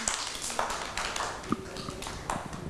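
Children clap their hands in a loose, uneven patter of soft, sharp slaps that rises and falls over a few seconds, with no one speaking.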